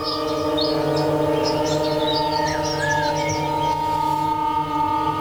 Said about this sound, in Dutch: Dat in combinatie met de field recordings van op de Hondsrug in Nederland. Vogelgekwetter, dat is één spoor.